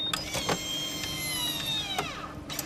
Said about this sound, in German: Als nächstes wird der Blutdruck gemessen und dafür führt man den linken Arm in ein Blutdruckmessgerät. Das sieht aus wie eine Röhre.